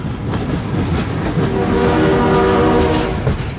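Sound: train passing with horn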